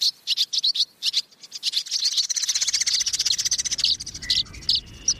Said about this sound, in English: Swirling overhead, dozens of birds swoop and glide in pursuit of insects. Are they swallows or swifts?